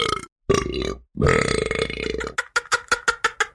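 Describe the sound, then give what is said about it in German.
A long, loud, gurgling burp rumbles out, followed by a rapid string of shorter rhythmic belches that trail off quickly. “Bei uns gibt es auch die Regel, dass man nicht am Tisch rülpsen soll.”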